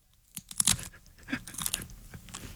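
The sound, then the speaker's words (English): Crisp crunching of a snack being bitten and chewed near a microphone, a loud cluster of crackly bites early on followed by softer, irregular crunches with no talking. “Get closer to the mic so we really get the full ASMR. I need one more bite.”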